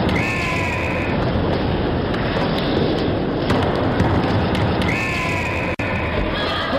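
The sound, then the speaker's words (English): Two shrill, wavering blasts from a Fox 40 referee whistle, one at the start and one near the end, cut through a steady, loud roar of crowd noise. “The Fox 40 whistle.”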